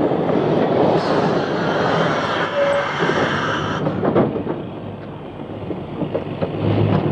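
A city train coming along the line rumbles steadily along the tracks, loud, with a dense mechanical roar and faint rhythmic clacking of wheels over rail joints, no voices.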